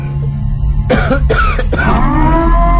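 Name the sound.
coughing and throat clearing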